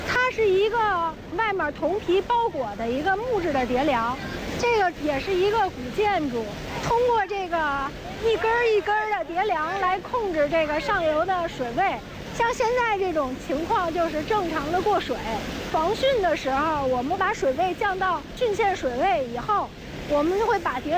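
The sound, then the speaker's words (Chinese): Water pours steadily through the Sanhai sluice gate at the north gate of Beihai Park in Beijing, a normal flow past copper-clad wooden stop logs that hold the upstream level, a continuous rushing that fills the background while a man talks over it for the whole stretch. “通过这个一根一根的叠梁来控制这个上游的水位。像现在这种情况，就是正常的过水。”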